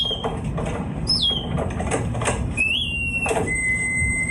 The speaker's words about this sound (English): Correct, it is birdsong. I hope you did recognise that, otherwise I would be a little bit concerned. But it's not regular birdsong, is it, Hal?